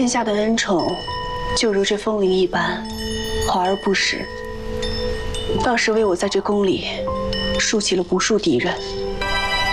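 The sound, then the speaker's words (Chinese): A string of wind chimes, a tribute from the Western Regions, being hung up, rings steadily with sustained, overlapping metallic tones that shimmer throughout, while people talk over them in the foreground. “殿下听闻美人最近心绪不佳，特命人挑选了西域进贡的风铃一串，有养心凝神之效。”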